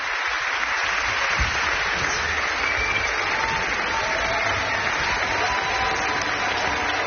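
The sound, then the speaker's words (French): An audience at Domaine 2, just outside Montpellier, applauds the musicians steadily and loudly, a dense wash of clapping hands that holds at an even level throughout, with no voices standing out. “Les musiciens qui sont très applaudis ici, dans le domaine 2, à Montpellier, mais un petit peu à côté de Montpellier.”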